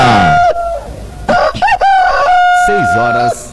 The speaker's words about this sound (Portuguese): E o Galo Chico informa a hora certa.